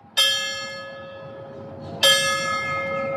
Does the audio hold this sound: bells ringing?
yes